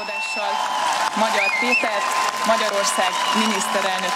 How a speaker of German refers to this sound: Jubel brandete im und vor dem Parlament auf, als die neue Parlamentspräsidentin Mitte Nachmittag verkündete,